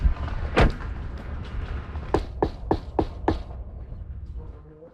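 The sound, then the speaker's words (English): Five firm knocks rap on a front door in a quick, even sequence, preceded by a single heavier thump, with faint outdoor ambience underneath and no talking. “All right, let's go knock on the door.”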